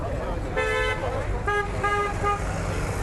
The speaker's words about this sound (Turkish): Mega kentin bitmeyen gürültüsüne uyarı için peş peşe çalınan korna sesleri de ekleniyor.